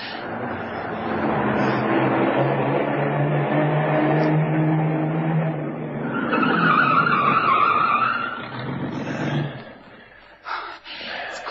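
A car engine rumbles, then tires squeal in a sharp skid for a couple of seconds before the vehicle comes to a halt, followed by a few faint clunks.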